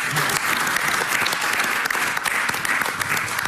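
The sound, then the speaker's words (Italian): Steady, dense applause from a sizable audience, many hands clapping continuously for the whole stretch, with no talking over it. “Grazie alla senatrice Ronzulli ovviamente, grazie a tutti, sono stato nei tempi, bravi, grandi applausi.”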